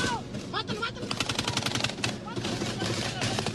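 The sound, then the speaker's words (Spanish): Rapid bursts of gunfire crackle in quick succession, sharp repeated shots like automatic fire, with voices shouting faintly underneath amid a noisy, chaotic background. “Todas las noches, no hay una noche que no haya drones, balazos y todo eso.”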